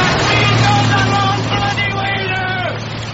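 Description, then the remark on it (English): A car rushes past, its engine droning low beneath a loud, steady hiss of tyres spraying through standing rainwater left on the road by the rain. “The rain leaves so much surface water that Arthur is drenched in turn by several cars.”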